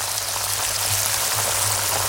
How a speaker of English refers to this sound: This is the sound of a pair of 32-day matured, award-winning sirloin steaks cooking in pure Irish butter.